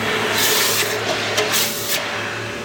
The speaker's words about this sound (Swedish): Då tänker jag droppa den här i hinken nu. Ja. Jag kommer att pysa och fräsa och greja, okay.